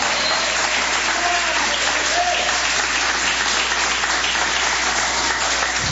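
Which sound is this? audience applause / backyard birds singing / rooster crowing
audience applause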